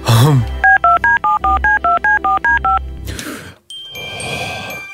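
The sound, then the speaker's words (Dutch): A phone number is punched in as the live show Goedemorgen Morgen calls a music artist: about eleven crisp, evenly spaced keypad tones beep in quick succession, loud, followed by a burst of line hiss and crackle. “En die topartieste van bij ons, daarvan hebben we het telefoonnummer natuurlijk.”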